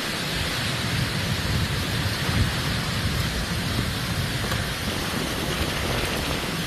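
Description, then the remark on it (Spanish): Steady, heavy rain hisses throughout while a deep, rolling rumble of thunder churns underneath, a continuous stormy wash with no voices and no pauses; a strong, short thunderstorm with lightning, hail and strong gusts in the interior of Alicante province on a Monday afternoon. “El interior de la provincia de Alicante registraba durante este lunes por la tarde tormentas de intensidad fuerte o muy fuerte y corta duración, acompañadas de rayos, granizo y rachas muy fuertes de viento”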